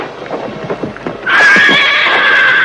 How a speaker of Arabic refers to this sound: لا أرى أثرا لشيء، والحصان على حاله يفحص الأرض بحافره ويصغل.